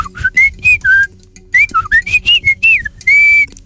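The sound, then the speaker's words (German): A common blackbird sings a run of rich, fluting whistled notes, about a dozen short warbling phrases rising and falling in pitch, loud and clear over a faint low rumble. “Ein Amsel.”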